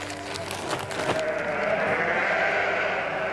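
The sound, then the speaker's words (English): Sheep bleating, with a few short calls at first, then overlapping bleats swelling into a steady, fairly loud chorus from a flock of 74 pregnant ewes at lambing time. No one is speaking. “Okay, pay attention, sheep. Pay attention.”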